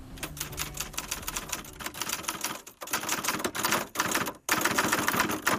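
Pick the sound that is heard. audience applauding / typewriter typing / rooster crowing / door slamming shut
typewriter typing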